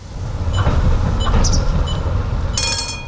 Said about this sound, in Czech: Do vlakové zastávky Dětěnice přijela modrá souprava, i když je na regionální železniční trati na první pohled připomíná spíše tramvaj.